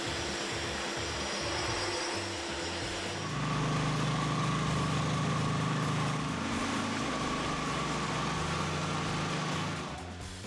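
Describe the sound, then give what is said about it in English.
A handheld grinder hooked up to a HEPA vacuum whines steadily alongside the vacuum's broad rushing roar, loud, grinding a floor in tight corners and along the edges, the motor pitch rising and intensifying a few seconds in before easing off near the end. “Now for the tight corners and around the edges, they're using this handheld grinder that's hooked up to a HEPA vacuum.”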